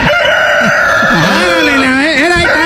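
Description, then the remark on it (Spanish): A rooster crows from a toy's sound button as the button is pressed, a loud, slightly tinny recorded cock-a-doodle-doo with wavering, drawn-out notes filling the whole moment. “Como un gallo, ¿ves? Ahí estamos, un gallo.”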